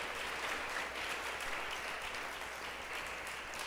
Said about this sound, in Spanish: Fuerte ese aplauso al Señor si quiere dárselo.